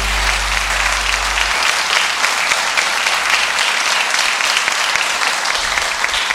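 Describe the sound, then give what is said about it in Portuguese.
A crowd claps loudly and steadily for Jesus for several seconds, a dense wash of applause that stays at full strength throughout with no voices breaking through. “Palmas para Jesus.”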